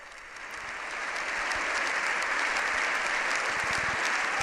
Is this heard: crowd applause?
yes